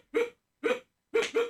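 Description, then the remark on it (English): A person imitates a dog with four short, voiced woofs: two spaced apart, then a quick pair at the end. Loud and close, with no other sound between. “Bark like a dog.”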